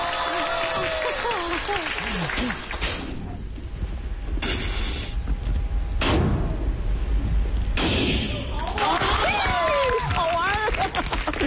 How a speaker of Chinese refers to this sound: 再放一个二踢脚，祝各位一年更比一年好